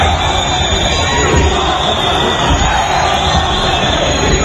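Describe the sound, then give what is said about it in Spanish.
A large crowd loudly and steadily boos Pedro Sánchez as he arrives at the Assembly of Ceuta in mid-morning, a dense unbroken roar of many voices that stays at the same level throughout, with no single voice standing out. “Pedro Sánchez llegaba a la Asamblea de Ceuta a media mañana en medio de uno de los abucheos más sonoros que se recuerdan contra él en público.”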